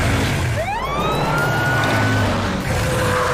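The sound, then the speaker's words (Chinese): A fire truck siren winds up from low to high and holds a steady wail, loud, over a constant rumble of engine noise with no voices; it is Maomao's fire truck, parked on a geyser so a T-rex will face it. “好主意，毛毛，把你的车停在间歇泉上，乐乐，想办法让霸王龙面对毛毛的消防车。”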